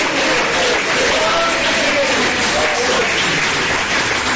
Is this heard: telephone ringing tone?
no